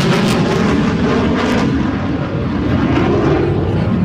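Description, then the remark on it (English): A Marine Corps F-18 military fighter jet roars overhead during a military flyover of the National Mall in Washington, D.C., in a loud, sustained, rumbling blast of engine noise that holds steady throughout, with no voices. “Looks like a Marine Corps F-18.”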